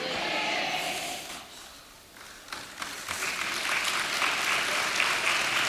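audience applause

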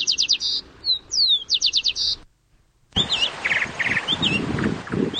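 birds chirping

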